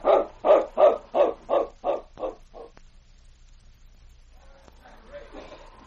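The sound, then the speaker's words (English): A dog barks in a quick, steady run of about eight barks that gradually fade, followed by a quiet stretch with faint background noise; it is Sergeant Preston's great dog picking up his master's scent. “The great dog paused for a moment to pick up the sergeant's scent.”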